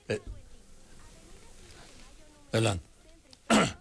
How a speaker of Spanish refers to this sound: No, fue un estornudo, aquí tengo mi Kleenex.